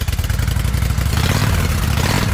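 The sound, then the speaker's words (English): A loud motorcycle engine revs, its deep, rapid pulsing rumble climbing in pitch partway through with a rough mechanical rattle over the low throb. “Can you hear it? The road is calling. Is your bike ready?”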